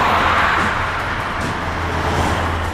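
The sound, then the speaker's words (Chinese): A red pickup truck, a suspect's vehicle fleeing police, roars at high speed along Huanchengbei Road (North Ring Road). Its engine and tire noise make a steady, loud, continuous rumble with a low hum underneath, with no voices. “路上执勤的各警种注意，有一辆红色的皮卡车正沿环城北路高速驶来，请设置路障拦截。”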